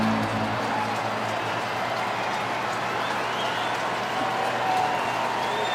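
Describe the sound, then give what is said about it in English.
A large crowd of baseball fans in a stadium roars steadily, a dense wash of cheering and scattered clapping that holds at a constant loud level for several seconds without a break. “Fans trying to get loud.”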